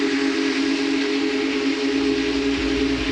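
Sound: steam locomotive whistle blowing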